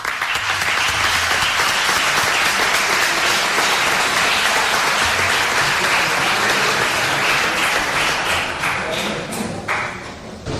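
Sustained audience applause, a dense wash of many hands clapping at steady loudness for about ten seconds, easing slightly near the end, with faint voices mixed in.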